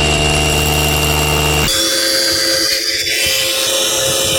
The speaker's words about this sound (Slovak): Takýto ruch vrtačky a uhlovej brúsky sa ozýval na poslednom kilometri úseku chodníka na Kryváň. Je najťažší a tak tam turistom pomáhajú reťaze a stúpadlá.